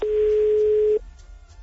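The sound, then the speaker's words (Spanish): A single steady telephone ringback tone, heard while calling someone again after reaching voicemail, sounds loudly for about a second and then cuts off, leaving faint line hiss. Nobody speaks. “A ver, vamos de nuevo con Dulce.”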